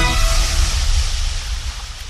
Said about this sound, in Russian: Море Лаптевых. Здесь тоже есть пляж. Галечный, чем-то похожий на черноморский. И волшебные рассветы и закаты, и вкрадчивый шорох набегающей волны, и чистое дыхание серо-голубого моря до горизонта.